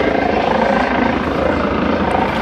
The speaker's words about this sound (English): It's just this helicopter that's slightly anomalous. Slightly synchronicitous. An odd timing, isn't it?